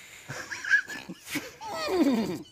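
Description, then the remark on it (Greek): A person right beside the speaker imitates a horse's whinny: a few breathy, nasal bursts, then a longer wavering cry that slides downward in pitch near the end. No words are spoken. “Ο άλλος κλιμιντρίζει δίπλα εδώ.”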